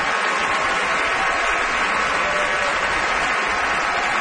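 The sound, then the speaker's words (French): Dense, sustained applause from a large audience at a Met opera curtain call as Carlos Alvarez greets the crowd and Isabelle Lenard applauds him, a steady wash of many hands clapping at even loudness throughout, with no voices standing out. “And Isabelle Lenard is applauding him, and now she steps Isabelle forward.”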